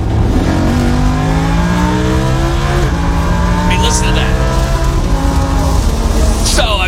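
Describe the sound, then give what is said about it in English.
A Lamborghini engine roars loudly on a racetrack straightaway at Utah Motorsports Campus, revving up through several gear shifts with rising pitch sweeps and brief tire squeals, while a voice speaks briefly over it. “And I got behind the wheel of a Lambo, and it was incredible. It sounded a little like this when we hit the straightaway.”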